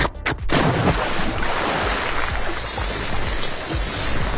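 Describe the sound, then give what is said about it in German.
A summer sound collage of licking ice cream, jumping into water and grilling: two sharp splashes up front, then a steady, dense hiss like water rushing or food sizzling on a grill, continuing loudly to the end with no voices. “Also Eisschlecken, ins Wasser springen und grillen.”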